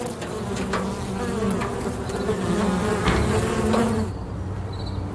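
A steady, close drone of many honeybees buzzing together, with individual bees swelling louder as they pass nearby; no voices, just the continuous hum throughout.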